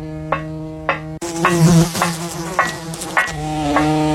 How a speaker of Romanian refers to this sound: adu repede pliciul electric. Uite o muscozelă.